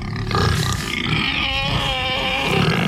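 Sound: pigs grunting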